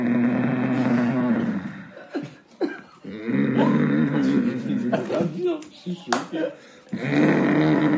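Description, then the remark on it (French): A voice imitates a father's loud snoring at night in Bamako: three long, rumbling, throaty snores with brief choppy pauses between them, full-bodied. “Genre le signal, c'était quand son père il ronflait, mais comme un...”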